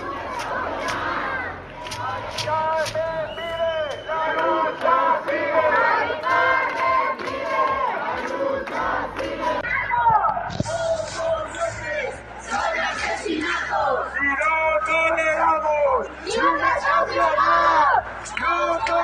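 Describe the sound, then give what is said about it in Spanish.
A crowd of protesters shouting together in rhythmic Spanish chants against evictions, loud and sustained throughout, with overlapping voices rising and falling in repeated slogans. “¿Podemos escuchar lo que gritan? A ver contra quién gritan, a ver, vamos.”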